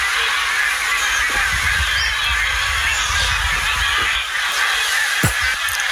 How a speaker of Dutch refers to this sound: De ganzen die overvliegen over onze camping. De wie, wat zegt ze? De ganzen. Oh, de ganzen. Het zijn er behoorlijk veel ook.